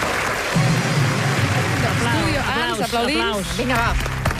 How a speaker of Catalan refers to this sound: Aplaudim. Vinga, va. Venga.